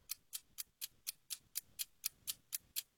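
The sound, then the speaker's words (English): A game-show clock timer ticks steadily during a timed trivia quiz round, about four crisp, bright ticks per second in an even rhythm, heard alone with no voices. “All right, start the clock.”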